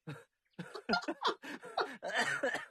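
A person close by sputters into a run of harsh coughs mixed with breathy laughter, several quick bursts tumbling together after a brief pause, as if choking while laughing.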